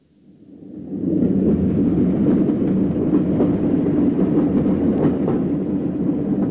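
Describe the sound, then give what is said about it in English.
A train rumbles steadily along the rails through Gyra towards Black Mountain, fading in over the first second and then holding a loud, continuous low roar with faint rhythmic clatter from the wheels. No voices. “We were through Gyra, nearing Black Mountain. The man who'd boarded the train at Glencoe hadn't stirred, hadn't moved a muscle.”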